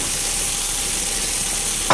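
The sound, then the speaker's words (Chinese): Steady, dense sizzling from a fish frying hot and burning in a pan, a continuous crackling hiss filling the whole moment, with a brief louder burst of spattering right at the end. “哎呀，鱼糊了。”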